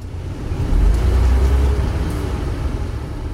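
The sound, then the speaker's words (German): A self-driving electric bus, running as a regular line service and in winter as an on-demand bus, rolls steadily along a road, its low, even rumble and road noise filling the space, with a slight swell in the first second. No one speaks. “Und seit Anfang 2023 fährt der selbstfahrende Bus als normale Linie im Regelbetrieb.”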